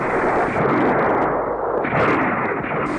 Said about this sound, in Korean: 밥을 다 먹기가 바쁘게 미친 듯이 쏘아대는 총소리가 영봉정을 뒤덮었다.